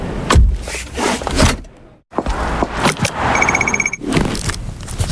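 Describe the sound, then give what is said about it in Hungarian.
A quick series of everyday clicks and rattles: a seatbelt being pulled and buckled in a car, a pedestrian crossing button beeping in a rapid repeated pattern, then a bicycle helmet strap clicking shut. No one speaks. “Annyira magától értetődő, bekötni magad a kocsiban, megnyomni az átkelő gombját, feltenni a sisakot bringázásnál.”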